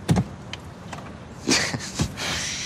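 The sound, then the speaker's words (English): A convertible car's engine stalls in first gear in a parking lot as it jerks to a stop: a few clunks and jolting thumps, a sputtering burst, then a steady mechanical whir fills the last moments. Moderately loud, with no voices. “The car slows. Okay, not too little, or we'll... The convertible jerks to a stop. Stall.”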